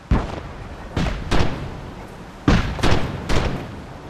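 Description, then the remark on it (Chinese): A series of deep, booming blasts echo, about six in all, arriving in irregular pairs and singles with low rumbling tails and no voices. “炮声啊，哎，炮声，炮声。他们肯定开干了。”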